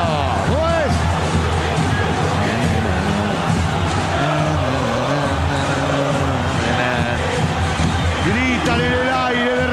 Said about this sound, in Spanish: Gritan los hinchas millonarios, escuchalo.